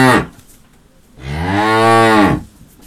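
A cow lets out a long, loud moo lasting over a second, rich and low-pitched with a rising then falling tone, after the tail end of a shorter call; no one speaks.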